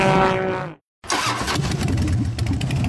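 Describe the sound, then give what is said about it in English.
A V-twin motorcycle engine revs loudly, a rising harmonic whine that cuts out briefly, then returns as a deep, rumbling idle with uneven throttle bursts. “There's no reason to say it when the sound of chrome, steel, and a legendary V-twin says it for you.”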